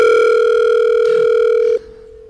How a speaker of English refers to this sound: Come on, answer the phone.